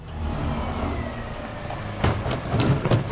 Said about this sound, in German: parkt das große weiße Müllauto in einer kleinen Seitenstraße im Saloja Stadtteil Neuvorweiler.